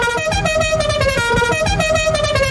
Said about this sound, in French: Bizarre, un coup de klaxon comme ça en pleine émission. Je sais pas du tout ce que ça peut vouloir dire.